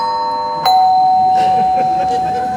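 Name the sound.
doorbell ringing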